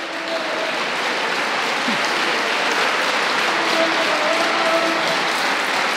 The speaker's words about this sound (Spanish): Y a su nombre. Dale fuertes aplausos.